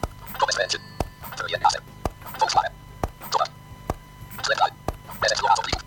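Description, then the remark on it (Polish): Five sharp, crisp taps on a phone screen, made deliberately loud to check the audio latency of a synthesizer on the phone, spaced roughly a second apart in a steady rhythm, with murmured voice-like sound rising and falling between them. “Natomiast jeszcze a propos opóźnień jakby w tym telefonie i dźwięku, to ja sobie teraz specjalnie głośnie jakby stuknę w ekran i zaraz zobaczymy, jakie tutaj są opóźnienia.”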